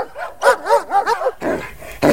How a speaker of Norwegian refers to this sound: Du, nå kjem han, bikkja nå!